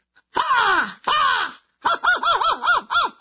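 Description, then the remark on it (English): Someone loudly imitates an American crow, bobbing while giving two long, harsh caws and then a quick run of about six shorter, clipped caws, with no other sound. “Why don't you do the American one first and then a British one, and we'll see if we can hear the difference.”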